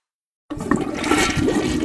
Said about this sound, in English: Honey, did you flush the toilet? No. Why? If there's some strange noise in your bathroom, it might be ghost flushing!